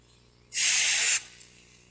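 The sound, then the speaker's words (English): A single sustained burst of aerosol oven cleaner sprayed onto aluminum, a bright hiss lasting under a second before cutting off, with quiet background and no talking. “In fact, spray a little more in the center there.”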